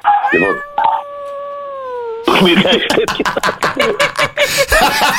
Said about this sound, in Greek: Έχει ακούει το σκυλί από πίσω, ε. Κάτσε από το σκύλο μέσα, παιδιά.